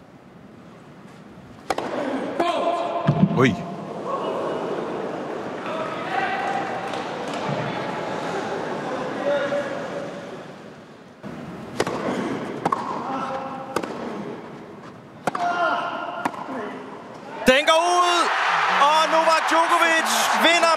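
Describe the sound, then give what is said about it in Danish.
A tennis rally at match point, the final point of a Wimbledon quarterfinal won by Novak Djokovic over Felix Auger-Aliassime after 5 hours 15 minutes: sharp racket-on-ball hits trade back and forth over a murmuring crowd, with a commentator's voice, then the audience erupts into loud cheering and applause as the point ends. “Lad os lige høre den sidste bold til at starte med.”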